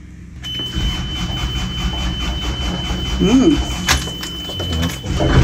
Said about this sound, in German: Also wir haben hier den Gashebel. Der hat hier den Leerlaufschalter. Und dann schieben wir den Gashebel erstmal im Leerlauf nach vorne, starten den Motor, ein bisschen auf Vorglühen.